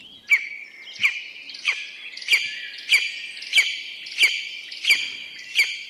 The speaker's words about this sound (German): So rufen Schreiadler. Und das sind ganz tolle, prächtige Raubvögel mit bräunlichem Gefieder.